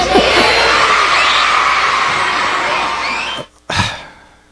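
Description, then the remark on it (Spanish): A loud crowd of happy children shouting "Six Seven" and cheering together in a sustained roar, with a brief break near the end before one more burst of shouting fades out. “Six Seven, gritan los niños felices.”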